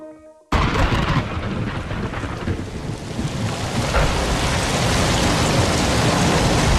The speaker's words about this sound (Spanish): Está lloviendo, sí, llueve. Llueve en muchos puntos de España, sobre todo en Levante. Y llueve, pero claro, llueve demasiado y eso no es bueno. Asusta.